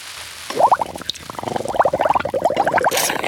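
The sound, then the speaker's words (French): Water splashing and sloshing as someone splashes about in a bathroom sink, a rapid, irregular run of wet plops and gurgles that starts abruptly and keeps going at a lively pace, with no one speaking. “Mais qu'est-ce que tu fais à barboter dans le lavabo?”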